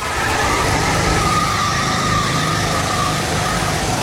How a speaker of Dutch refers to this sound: Ja, op het circuit van Silverstone nam hij het op tegen 100 mensen in een kart. Hij begon achteraan, maar haalde ze één voor één in en daar had hij lol in.